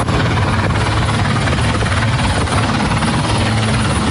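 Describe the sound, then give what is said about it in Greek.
A coast guard helicopter approaching to assist a rescue operation roars overhead, its rotor producing a steady, heavy low-pitched thump beneath a constant loud engine whine, sustained without a break and with no voices. “Η ακτοφυλακή ελικόπτερα και ιδιωτικά σκάφη προσεγγίζουν το σημείο προκειμένου να συνδράμουν την επιχείρηση διάσωσης.”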